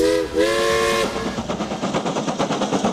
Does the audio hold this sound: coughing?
no